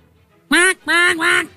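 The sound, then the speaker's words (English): A person imitates a parrot with three loud, raspy, high-pitched squawks in quick succession. The last two run almost together, and no other sound accompanies them. “parrot sound”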